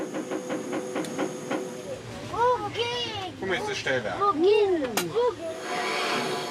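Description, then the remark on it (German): A railway club's steam locomotive, running on the old line on the Day of Transport History, hisses with a steady, broad rush of noise, swelling into a stronger hiss near the end, while indistinct voices murmur over it and a few sharp clanks ring out. “Mit der Dampflokomotive, die ihnen geblieben ist.”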